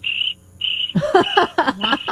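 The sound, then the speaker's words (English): A high, steady cricket chirring comes in two short bursts, then continues beneath a busier jumble of croaky, chattering calls, moderately loud. “Sorry, all I hear are crickets.”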